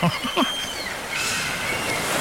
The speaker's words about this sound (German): Strand, Meer, dahin entführe ich euch jetzt mal kurz. Wir hören, wie die Möwen nicht zwitschern, sondern rufen, habe ich gelernt.